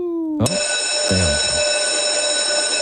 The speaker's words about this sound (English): That's the school? That's it. It's over. Why does that bell ring for so long? It's got a lot of reverb on that bell. It's because it's up in that tower.